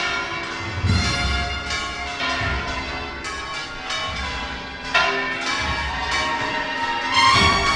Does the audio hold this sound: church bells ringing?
yes